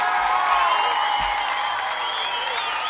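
A crowd claps loudly and steadily for about three seconds, a dense wash of applause with some higher whistling or cheering tones running through it, and no one speaking, welcoming a singer from Junín on stage.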